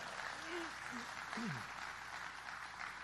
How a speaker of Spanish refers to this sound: ¿Cuánto le dan las palmas a Él, hermano? Gloria a Dios. Dele palmas a Él.